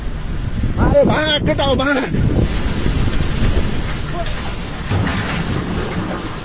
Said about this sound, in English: A huge wave of water, mud and debris that swept everything in its path. This is the sound from a video taken by a workman in Nepal who sees the water approaching and starts running uphill.